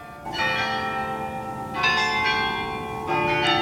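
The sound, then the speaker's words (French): Many church bells in Bruges ring at once for the return of the procession to the Chapel of the Holy Blood, in a dense, overlapping peal, fresh strikes landing every second or so over a sustained, shimmering wash of tones, loud and resonant. “Et dans le silence, arriva un bruit de cloches, toutes les cloches à la fois, qui se remirent à tinter pour la rentrée de la procession à la chapelle du Saint-Sang.”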